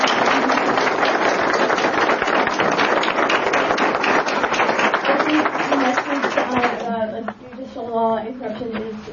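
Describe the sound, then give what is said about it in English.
Dense, steady applause from an audience after a speech fills the first six seconds at a loud, even level, then fades as a person begins talking. “If we could all give her a round of applause.”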